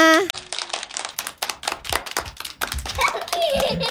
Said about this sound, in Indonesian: Baik, tepuk tangan semuanya.